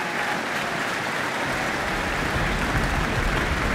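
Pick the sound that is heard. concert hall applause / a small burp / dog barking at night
concert hall applause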